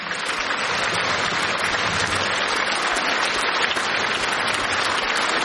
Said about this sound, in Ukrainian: Ваші овації.